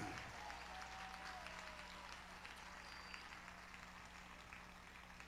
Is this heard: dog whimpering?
no